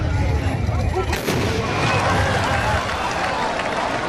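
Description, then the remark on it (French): A sharp, booming blast of large traditional gunpowder rifles fired together by Tbourida horsemen in a Moroccan equestrian display rings out amid a dense, rumbling wash of noise, with galloping hooves and crowd sounds carrying on loudly before and after. “À chaque coup, ça nous fait vibrer.”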